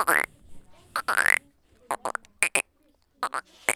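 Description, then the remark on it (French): Several short, raspy frog croaks at night in irregular bursts, some with a rising, creaky pitch, separated by brief silences. The calls are moderately loud, with no other sounds behind them. “Les grenouilles qui croassent.”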